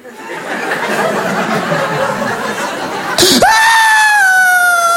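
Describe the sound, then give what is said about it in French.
A crowd laughs for a few seconds, then a voice breaks into an imitation of a baby's screaming cry: one loud, shrill, sustained wail that slowly sinks in pitch. “Et il y en a une qui pleure en mute.”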